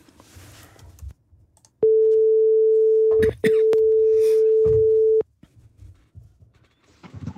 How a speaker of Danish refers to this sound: Vi ringer tilbage nu.